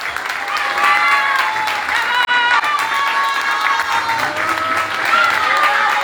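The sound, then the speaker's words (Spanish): Loud, steady applause from a crowd in Peñarol Alto for the neighbourhood mothers of the theatre workshop of the Mesa de Cultura de Peñarol Alto, keeping up for about six seconds without fading, with scattered cheering voices and shouts rising over the clapping. “Y por supuesto, un fuerte aplauso a cada una de estas vecinas, de estas mamás de Peñarol Alto, que han hecho vivir una mágica jornada en Peñarol Alto.”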